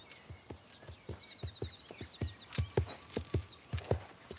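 A mare is led at a walk, her hooves clip-clopping at a steady, even pace in a regular rhythm, while birds chirp softly in the background.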